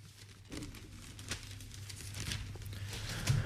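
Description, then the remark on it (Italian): Paper rustles and crinkles as pages of the Italian newspaper Il Sole 24 Ore are handled and turned to the inside pages, with soft crackling bursts over a low steady hum and no one speaking. “Abbiamo letto ampiamente nelle prime pagine, andiamo adesso a leggerlo sulle pagine interne e prendiamo il Sole 24 Ore.”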